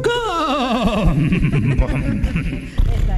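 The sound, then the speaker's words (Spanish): A horse whinnies loudly, a quavering call that slides downward over about a second, then breaks into rougher, rumbling snorts. “Déjeme un relincho, algo, viejo.”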